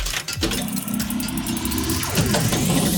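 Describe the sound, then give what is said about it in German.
Steady low rumbling and road noise inside a moving car carrying a mother and her children, a dense continuous drone with faint rattles and shifting tones, fairly loud throughout with no voices. “Bei dir rumpelt es aber auch ordentlich. Ja, ich bin gerade im Auto mit meinen Kindern.”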